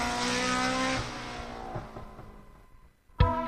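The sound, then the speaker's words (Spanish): A rally car engine revs hard with tires squealing at the eighth Rally Barbastro in Alto Aragón, Spain, the roar fading briefly before a sharp, loud burst of engine noise returns. “Octavo Rally Barbastro. El espectáculo del motor vuelve al Alto Aragón.”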